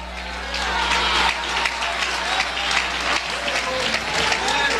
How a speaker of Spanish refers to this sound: ¿Cuánto le puede dar un aplauso a Cristo en esta hora?